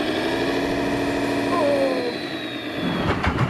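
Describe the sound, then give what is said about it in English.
A four-wheel-drive vehicle's engine drones loud, its pitch rising and sagging as it revs with four-wheel drive engaged, then turning rougher and more strained near the end. “Not too many revs. Let's try four-wheel drive, so, yeah, that might help.”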